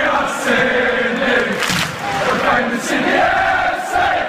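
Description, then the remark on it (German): A large football stadium crowd of nearly 25,000 spectators at a derby in Sydney, Australia, roars and chants together. It is a dense, steady wall of voices with tonal singing rising through it, loud and sustained from start to finish. “Wir hatten ja auch jetzt das Derby hier in Sydney, wo ich glaube fast 25.000 Zuschauer da waren.”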